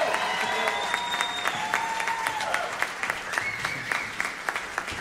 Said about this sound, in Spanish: aplauso fuerte para nuestro equipo de cuerdas.